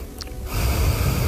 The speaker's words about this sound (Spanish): Quiero oír tu respiración, a ver cómo es la tuya.